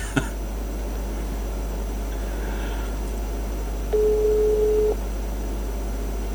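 A single steady telephone tone, about one second long, sounds over a low background hum and hiss, as the called phone is switched off and can't be reached. A faint click comes first.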